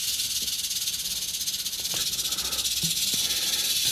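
A snake found in Melle hisses steadily for about four seconds, a loud, airy, high-pitched rush of breath that never pauses, with a few faint low knocks underneath and no voices.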